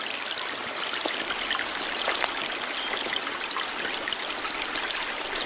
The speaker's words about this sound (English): I scurried down a large dirt hill, and before me was a little flowing stream of murky water, bouncing between bright orange rocks.